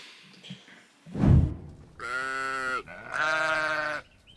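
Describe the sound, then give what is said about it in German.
A thump, then two long, loud sheep bleats in a row, each wavering and harmonic, with no one talking, on a day that has cooled a little without rain. “So, die Schafe waren jetzt eine Nacht hier und ist ein bisschen abgekühlt heute.”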